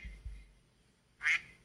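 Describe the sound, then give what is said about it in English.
A single sharp, nasal quack from a duck call bursts out loudly near the end, after a couple of soft low thumps and a quiet pause. No one speaks. “That would be the duck call.”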